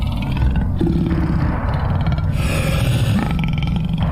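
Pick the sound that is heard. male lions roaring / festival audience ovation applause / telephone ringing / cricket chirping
male lions roaring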